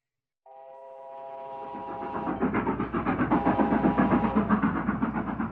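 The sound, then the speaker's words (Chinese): A northbound train rushes along the tracks across the North China Plain, starting with a steady horn-like tone before a loud, rapid, rhythmic clatter of wheels builds and keeps pounding, continuous, with no voices. “一列北上的火车在华北平原疾驶”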